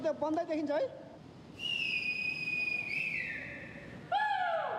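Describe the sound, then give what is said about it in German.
Rescuers searching for survivors whistle and shout to draw attention to themselves: a short raised shout gives way to a long, steady, piercing whistle that dips in pitch partway through, followed by a second sharp whistle sliding downward. All loud. “Mit Pfeifen und Rufen versuchen die Retter, auf sich aufmerksam zu machen.”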